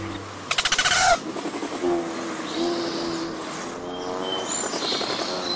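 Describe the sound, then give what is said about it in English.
A courting male Rufous hummingbird's display: a rapid buzzing trill of wing pulses is followed by a series of high, thin, whining tones that rise and fade, fairly loud, with no voices. “If you're lucky and you live west of the Rockies, you've seen a courting male Rufous hummingbird displaying like a crimson comet.”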